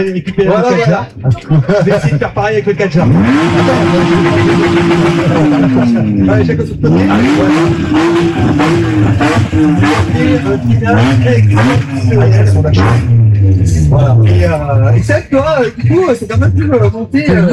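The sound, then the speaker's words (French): A car engine revs hard, its pitch climbing and dropping repeatedly as the vehicle is pushed in driving supervised by professionals, loud, with voices talking over it. “ne roulez pas comme ça, ne faites pas ça”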